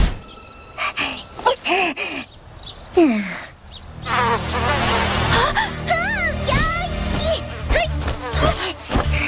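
A swarm of mosquitoes buzzes in a dense, continuous whine that swells after a few seconds, while someone gasps and whimpers in short, strained bursts over it.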